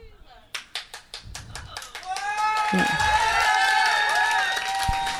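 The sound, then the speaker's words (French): A single person claps in a steady rhythm, and after a couple of seconds a whole audience joins in with loud, sustained applause and some voices mixed in. “très vite vous avez rejoint Nathalie”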